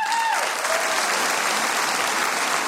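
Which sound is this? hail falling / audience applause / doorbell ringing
audience applause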